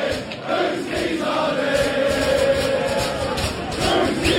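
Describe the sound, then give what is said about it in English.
A large crowd of Arsenal football fans chants together in a loud, continuous roar, voices blending into a sustained, rising and falling collective call that fills the space. “What happens when someone in the crowd has dropped their keys?”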